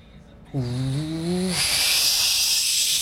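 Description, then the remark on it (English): A voice imitates a turbine boat: a steady, low droning hum that rises slightly for about a second, then gives way to a loud, sustained rushing hiss that runs to the end. “I'm going to choose to do a turbine boat.”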